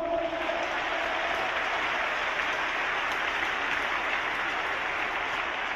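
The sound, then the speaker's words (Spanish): An audience claps for Christ, many hands making a dense, continuous roar of applause that stays even in loudness for several seconds, with no voices standing out. “Palmas para Cristo.”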